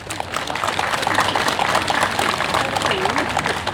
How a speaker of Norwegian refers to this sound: Skal vi gi han en skikkelig applaus?